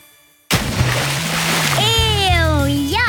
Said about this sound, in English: No one wants to jump into a green pool.